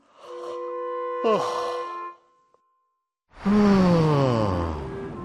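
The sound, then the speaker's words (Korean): Two drawn-out, voiced yawns, one after the other with a short pause between. The second is louder, sliding downward in pitch as it trails off. “왜 이렇게 하품이 나지?”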